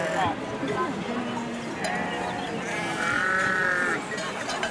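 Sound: sheep bleating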